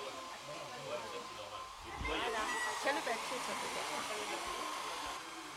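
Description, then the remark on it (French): A hair dryer blows steadily with a broad, airy roar while drying paper, its pitch and intensity shifting slightly as it runs continuously, with faint voices mixed underneath. “Il faut laisser sécher, utiliser d'accord. Le sèche-cheveux.”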